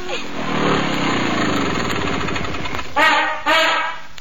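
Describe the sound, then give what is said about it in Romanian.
A motorcycle engine chugs with a rough, rattling putter at fairly steady loudness as it drives away, then gives two short, sharp revs near the end. “Da, trei frățiori și a dus cu motocicleta cine știe unde.”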